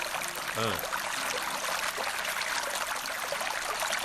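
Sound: water being poured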